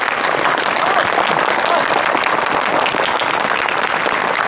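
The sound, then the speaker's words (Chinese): A large audience applauds steadily to welcome allied compatriots, dense overlapping clapping that stays loud and even for several seconds without pause. “是啊， 大家鼓掌。”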